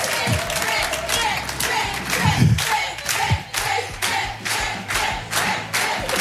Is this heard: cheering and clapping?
yes